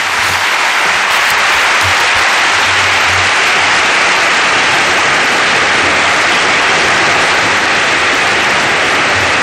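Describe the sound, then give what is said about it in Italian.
Sustained, dense applause from a large crowd after a speech by the Pope, a steady loud roar of many hands clapping with no voices standing out. “Gli applausi e quello che possiamo descrivere sono i visi.”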